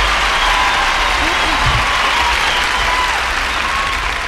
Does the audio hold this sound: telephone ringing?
no